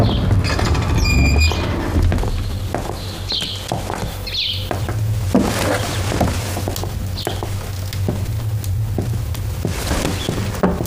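A door to the emperor's chamber creaks open on command for a visiting noble lady, with a few thin, squeaky whines near the start, followed by soft shuffling footsteps and faint rustling.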